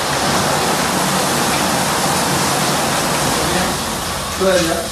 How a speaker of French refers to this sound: Rien que cette douche pénétrante avec cette petite dizaine de jets là qui vous masse le dos pendant 5-10 minutes, je peux vous dire franchement, mais quelle détente!